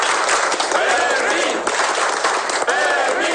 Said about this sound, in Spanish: En cualquier caso, yo pido un aplauso muy grande para el guardia Fermín.